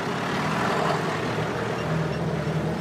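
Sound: tractor driving away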